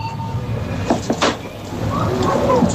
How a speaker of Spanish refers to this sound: Una máquina de dispensar, sí, alimentos, refrescos, de vending, echas pero con monedas.